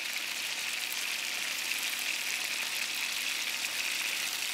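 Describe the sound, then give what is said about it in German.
Beef rolls (rouladen) sear on all sides in hot clarified butter in a pan, giving a steady sizzling hiss with fine crackle that holds evenly throughout, with no voices. “Die Rouladen werden in Butterschmalz von allen Seiten scharf angebraten.”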